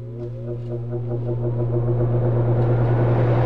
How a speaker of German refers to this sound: Ja, die Klimaanlage, die läuft auf Hochtouren, gerade bei diesen Temperaturen. Nicht nur heute, auch in den nächsten Tagen. Aber mal ganz ehrlich, sie nützt zwar, aber hören tut man sie jetzt schon nicht unbedingt so gern.